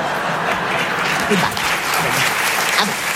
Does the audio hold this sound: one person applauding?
yes